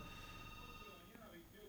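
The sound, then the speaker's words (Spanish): A telephone rings with a steady electronic tone that holds through the short moment, fairly loud, with some murmured talk underneath. “A ver, está llamando por teléfono.”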